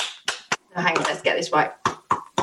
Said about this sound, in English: Oh, that's a lovely bit of clapping action there. It's good, isn't it?